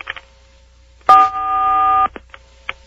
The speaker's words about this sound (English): Okay, press 4 on your touch-tone telephone now. Okay.